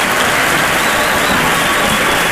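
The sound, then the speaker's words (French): A crowd, many of them women, applauds steadily, a dense wash of many hands clapping at once, loud and continuous throughout with no voices standing out. “Je vois beaucoup de femmes qui applaudissent, etc.”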